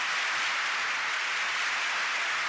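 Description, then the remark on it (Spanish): Steady, dense audience applause for singer Roberto Goyeneche after he sang a tango with Salgán, filling the whole stretch without pause, a broad hiss of many hands clapping at an even level, with no voices heard over it. “Ustedes ven que sigue siendo aplaudido el popularísimo polaco.”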